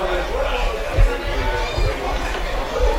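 Steady crowd chatter at an evening baseball game in Longueuil: many overlapping voices blend into a dense, continuous murmur with no distinct words, holding an even loudness and broken by a few soft low thumps.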